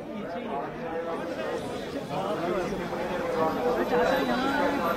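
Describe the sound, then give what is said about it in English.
A crowd gathered with Rahul Gandhi outside the Delhi Police Commissioner's office at Parliament Street Police Station in Delhi chatters steadily, many voices overlapping and unintelligible, holding a moderate, even loudness throughout with no single speaker standing out. “You can see the crowd, the visuals.”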